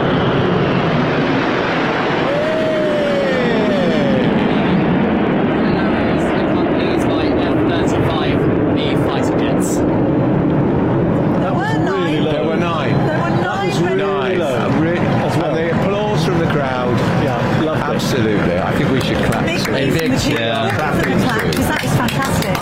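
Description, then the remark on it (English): A loud, steady roar of nine RAF Red Arrows jets passing overhead in the grand finale of a flypast fills the whole stretch, with a large crowd cheering and chattering beneath it. “So nine red arrows there, finishing off the grand finale of that flypast by the RAF.”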